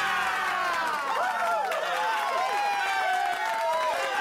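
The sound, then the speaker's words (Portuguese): A large audience claps and cheers continuously, a dense wash of applause with excited voices and whoops rising over it, steady and loud throughout, welcoming an artist on the children's radio show Rádio Zig-Zag. “Uma grande salva de palmas.”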